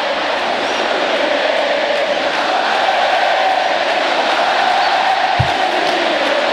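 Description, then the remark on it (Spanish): A celebrating street crowd greeting Messi, with traffic stopped, roars steadily, cheers and shouts blending into one loud, unbroken wash of noise with no single voice standing out, and a brief low thump near the end. “Escuchen el ambiente que hay.”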